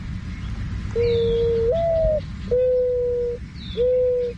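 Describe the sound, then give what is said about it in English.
A mourning dove, a relative of pigeons, gives a soft, hollow cooing series of long, drawn-out notes, with a slight rise in pitch partway through, clear over low background rumble, plus a faint chirp from another bird. “Let's listen to the mourning dove.”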